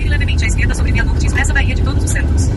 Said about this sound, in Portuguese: o ouvinte falando aqui sobre engarrafamento de carreta no Porto de Salvador. Eita. Eita, tudo parado, ele mandou um vídeo aqui.